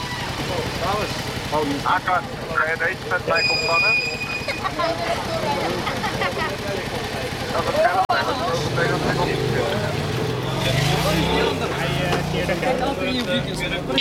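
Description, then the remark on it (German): Street traffic at an intersection in Amsterdam-West during an afternoon police traffic check, with 15 officers stopping fatbike riders, engines idling and vehicles rumbling while several people talk over the steady noise throughout. “Verkehrskontrolle an einer Kreuzung in Amsterdam-West.”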